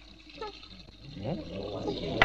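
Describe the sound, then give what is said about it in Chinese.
Water gushes steadily from a tap turned on full downstairs while people fill a bucket, the rushing hiss swelling after a moment and continuing to the end, with voices talking over it. “楼下关水龙头。啊，你们想造反呢？明知道我起床要洗脸，干嘛把水开那么大？”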